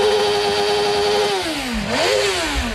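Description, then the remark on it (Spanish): A 2024 Harley-Davidson Street Glide motorcycle engine revs loudly, its pitch holding steady, dipping as the throttle eases, then surging back up in a sharp rev before settling into a rough, throaty idle. “Es una Harley, una Street Glide del 2024.”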